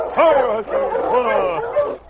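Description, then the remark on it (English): Sergeant Preston's great dog King barks excitedly several times in quick succession, loud, each bark rising and falling in pitch like eager yelps, while running ahead of the dog team as loose lead near a restaurant in Nugget City. “His great dog, King, was running ahead of the team as loose lead.”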